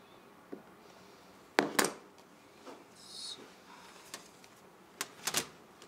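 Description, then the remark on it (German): A scribing compass scratches across zinc sheet metal as a flat pattern is marked out with an added margin of 5 mm on one side and 10 mm on the other, with a brief high scraping stroke between sharp metallic clicks and taps as the tool is set down and moved, with no talking. “überträgt Manfred Hofmann mit einem Reißzirkel auf ein Zinkblech”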